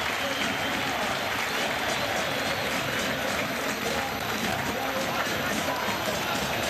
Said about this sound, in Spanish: Muy bien, Sebastián Cíbar de la cancha, aplaudido por los 20.000 hinchas de Boca. Escuchen.